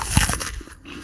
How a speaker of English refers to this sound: Or the first bite of a Honeycrisp apple.